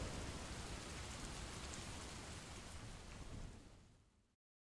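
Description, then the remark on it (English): A stormy rain sound effect: steady, dense rain hisses across the whole clip, a broad wash of patter with low rumbling texture, holding loud and even before tapering off and cutting to silence near the end. “Rain is picking up.”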